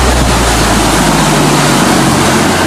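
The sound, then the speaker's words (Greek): Loud, continuous roar of rushing water from the Vouvianos river, swollen by a severe storm and flooding at Gouves in Hersonissos municipality and sweeping away cars. The roar is dense and turbulent, with a deep low rumble underneath and no voices. “Τώρα θέλω, φίλε και φίλοι, θέλω να πάμε, βέβαια η ώρα έχει περάσει, θέλω να πάμε να ακούσετε τι έγινε και πώς παρέσυρε τα αυτοκίνητα ο Βουβιανός ποταμός.”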